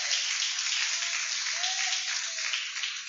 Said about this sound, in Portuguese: Palmas que louve a Deus para receber o pastor.